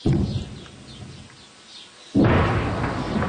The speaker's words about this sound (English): Distant explosions echo across the south as Israeli troops push deeper into the country and raise their flag over that historic ridge.